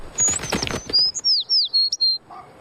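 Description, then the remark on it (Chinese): Small sparrows chirp in a quick run of bright, high notes, about half a dozen short tweets, following a brief rustling flutter at the start. “这些只是小麻雀而已。”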